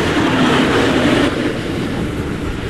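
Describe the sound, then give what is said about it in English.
A train rolls along the rails, a loud, steady rumble and rattle that eases slightly partway through. No one speaks. “Then I grab my bag and shoes and I've got a really small window to rush to the station hoping I don't miss my train to work.”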